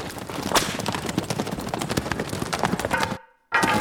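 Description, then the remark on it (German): The hooves of a black horse pound in a fast, steady gallop as a rider takes it toward a jump in a riding hall, loud with dense rhythmic thuds, then cut out for a brief moment of silence before resuming. “Von hier aus hatten sie einen guten Blick auf Waldemar Pein, der gerade mit dem Rappen auf einen Sprung zuritt.”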